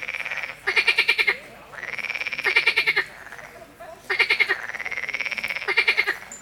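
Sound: frogs croaking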